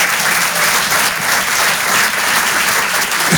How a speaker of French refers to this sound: Les applaudissements, c'est ensemble ou personne. Il n'y a pas de. Donc on va recommencer et ça mérite un applaudissement. Alors ensemble, s'il vous plaît.